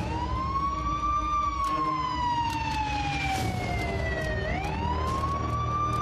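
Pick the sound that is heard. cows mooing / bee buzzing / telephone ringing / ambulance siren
ambulance siren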